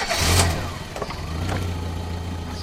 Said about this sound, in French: Bruit de moteur, portière qui claque, odeur de gasoil et puis cette pancarte roulée deux fois moins cher.